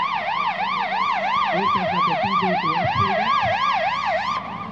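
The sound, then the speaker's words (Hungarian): A fire engine siren wails loud as firefighters arrive at a rescue exercise with an overturned vehicle. The siren rises and falls in a steady rapid cycle, with engine rumble and traffic noise beneath it. “Megérkeztek a tűzoltók.”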